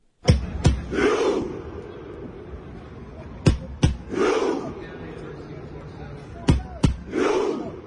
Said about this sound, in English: These are Norway's supporters. And if you haven't seen it in action, the whole grandstand is pretending they are rowing a Viking longship. And the sound is really quite impressive.